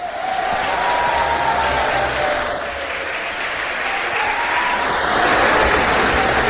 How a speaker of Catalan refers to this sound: Sisplau, fortíssim aplaudiment per les veus de la Salvatana, la nostra soprano,